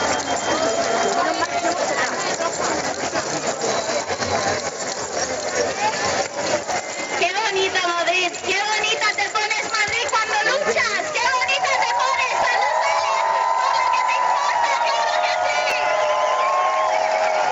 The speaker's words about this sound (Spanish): De llaves en Madrid, ruido de llaves en la Puerta del Sol, Madrid,